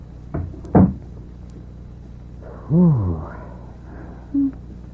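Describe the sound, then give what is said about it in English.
A door shuts with two quick wooden knocks, a latch click then a firmer thud, followed by a brief low creaking groan and a short faint squeak in an otherwise quiet background. “Close the door, please”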